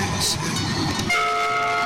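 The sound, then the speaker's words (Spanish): A train horn sounds a loud, steady sustained blast over a rumbling, clattering train, starting about halfway through and holding to the end. “Opa, doble chance, bocina, Doble chance y que me mande bocina y acierte la pregunta, por supuesto.”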